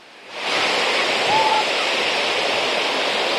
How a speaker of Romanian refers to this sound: Așa cum puteți vedea, marea în continuare este agitată, curenții sunt puternici